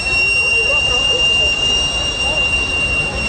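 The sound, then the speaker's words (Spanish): A loud, continuous high-pitched steam whistle from a sweet potato vendor's cart, shrieking steadily over a rushing hiss of escaping steam for the whole stretch without a break. The steam escapes through the cart's vertical exhaust, which works as a chimney. The cart sells roasted sweet potatoes and plantains. “Su sonido característico no se escucharía tan fuerte y tan lejos sin el sistema de escape vertical de vapor que funciona como chimenea en el carrito de camotes.”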